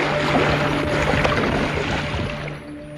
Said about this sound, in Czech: Stála v místech, kde se nalézalo záložní kormidlo a kde se hlučně otáčel lodní šroub.